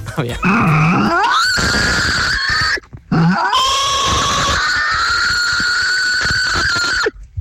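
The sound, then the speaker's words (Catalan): A voice imitates a pig or wild boar, presented as the pig of Osona, starting with low grunting that climbs into two long, loud, strained squeals separated by a brief pause. “Aquest és el porc d'Osona.”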